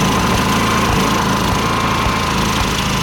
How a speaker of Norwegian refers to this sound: Det tror jeg er aggregatet som står og går.